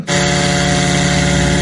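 A loud, steady buzzing engine drone of a Ukrainian Lyutyi attack drone, unbroken from start to finish, with a rich harmonic whine and no voices.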